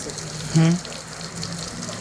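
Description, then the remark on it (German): A steady, hissing rush of flowing salt water in an exhibit fills the background throughout, with a brief low voiced sound rising over it early on. “Geh mal da rein, komm, geh schön noch weiter, über das Wasser hierher kommen.”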